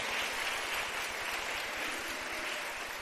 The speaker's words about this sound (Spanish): Démosle un aplauso al Señor en este día, ya que se lo quiere dar.